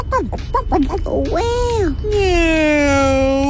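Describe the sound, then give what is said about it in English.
A child's voice imitates a turkey gobble, a quick warbling burst of rising and falling yelps followed by a long, drawn-out sliding call, loud. “What does the turkey say?”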